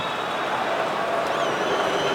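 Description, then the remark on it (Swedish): At a football match with Norway leading 1-0 around the 66th minute, a steady, dense crowd roar fills the whole stretch, and about halfway through a thin, high whistle tone from the Venezuelan referee rises faintly above the noise and wavers briefly. “Ja, ni hör ju publikens reaktion.”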